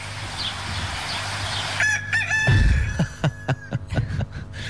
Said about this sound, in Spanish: Canta el gallo.